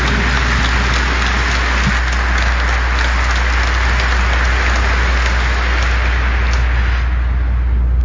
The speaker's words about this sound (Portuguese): Palmas para a palavra de Deus.